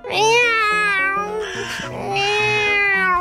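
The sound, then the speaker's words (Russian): Ryzhik the cat meows at a crow seen through the window, loudly in two long, drawn-out, wavering cries that rise and fall in pitch, with low steady tones sounding underneath. “Рыжик, ты зачем это когти-то стал? Не трогай ворону, кому сказал?”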